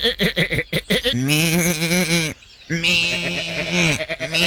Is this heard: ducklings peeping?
no